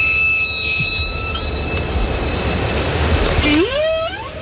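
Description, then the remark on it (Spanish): A humpback whale call: thin, steady high tones hum over a constant rushing noise, then a single whooping cry sweeps sharply upward in pitch near the end. “Bueno, este sonido es de una ballena jorobada, no es de una orca”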